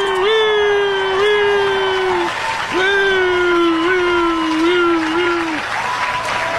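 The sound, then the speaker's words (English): A crowd of about 200 people at a Planned Parenthood award event gives the 46th president of the United States a standing ovation, applauding and cheering loudly and steadily, with long sustained vocal whoops that rise in pitch and ring out over the constant clapping. “Look at that extended chair, standing ovation.”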